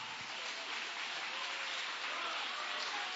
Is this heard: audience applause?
yes